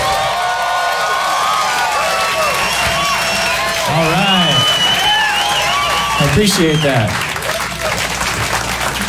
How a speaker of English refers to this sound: Thanks for clapping. That's a great way to kick this off.